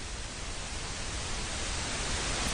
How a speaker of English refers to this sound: Just as visible light varies from red at the lower energies up through yellow and blue, we can tilt this flat white noise to add emphasis to other sets of frequencies. If we accentuate the low end, for instance, we get pink noise.